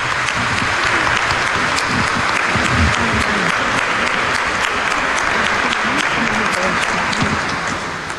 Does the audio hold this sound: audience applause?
yes